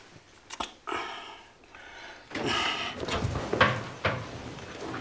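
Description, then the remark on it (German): A door is pushed shut with a few sharp wooden knocks and clatters, preceded and followed by soft shuffling handling noise, with no one speaking. “Sag mal, warum hast du nur die Tür zugemacht?”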